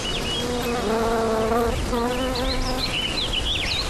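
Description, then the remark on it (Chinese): Steady buzzing of honeybees collecting dark purple nectar from mituan flower blossoms, with a few bees droning loudly as they hover and move about, while faint high birdsong chirps in the background. “在这短暂的一个月中，花蕊蕴含浓郁的黑紫色花蜜，吸引蜜蜂前来采集。”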